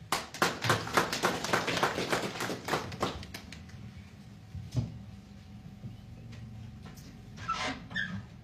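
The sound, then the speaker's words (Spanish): A burst of audience applause welcoming an engineer who will give details of a glacier identification and characterization study. Dense rapid clapping lasts about three seconds and quickly dies away, leaving a quiet background with a few scattered knocks and shuffling sounds. “Aquí lo recibimos con fuertes aplausos.”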